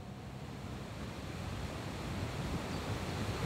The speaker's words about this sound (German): Die Gilfklamm in Meran. Der Fluss Passa schäumt durch diese Felsschlucht.